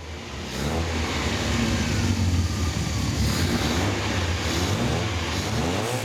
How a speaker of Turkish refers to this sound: İşte bu Jensen'ın gerçek sesi. Gerçekten harika bir sesi var. Düzgünce nefes alan karbüratörlerinin içeri aldığı hava güzel ve yeni egzoz sistemimizden kolayca dışarı çıkabiliyor. Ve Jensen'ımızın sonunda orijinal sesine kavuşuyor.